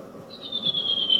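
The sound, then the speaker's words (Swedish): A redwing thrush sings a faster-paced high, thin, whistled phrase that holds and drifts slightly downward over a soft, low background rumble, fairly clear. “Den har lite mer bråttom den här. Vilken speed.”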